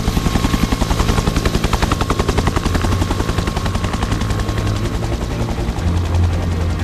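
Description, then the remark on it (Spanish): A firefighting helicopter flying about 15 metres above the flames of a fire amid smoke, its rotor beating out a loud, rapid, steady thumping with a deep engine roar underneath, continuous for the whole stretch with no voices. “Están escuchando un helicóptero a 15 metros de unas llamas, con el humo borrando el horizonte, con unos segundos para decidir dónde descargar miles de litros de agua.”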